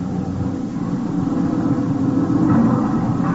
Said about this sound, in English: Hey, stop this lousy truck for a minute.